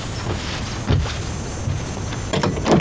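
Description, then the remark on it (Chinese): A door is opened by a mother, with a few scraping, clunking handling sounds and faint background noise, no one speaking. “来，快听门开开， 听妈妈给开开门，来，快快 来来来，下来来，快！”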